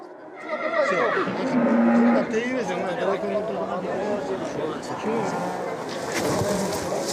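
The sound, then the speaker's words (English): A tied-up wild horse whinnies loudly, its high, wavering call rising over a steady murmur of people talking and general outdoor commotion throughout. “That's a wild horse. It hates being tied up.”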